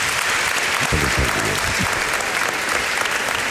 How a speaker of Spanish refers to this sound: Pero no, pero si te han aplaudido espontáneamente antes de que entraras, a verás.